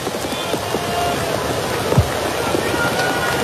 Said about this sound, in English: The pitch, and it's high, a ball, and man, it's an absolute hard rain falling now, and I wonder how much longer we're going to play. It's a downpour.